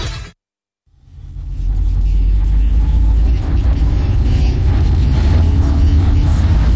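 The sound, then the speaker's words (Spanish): A steady, loud low rumble of a car engine heard from inside the cabin, starting after a brief moment of silence and holding constant with a faint hiss of road noise. “Aprovecho que estoy en el auto para recomendarles esta nueva radio de rock de la ciudad.”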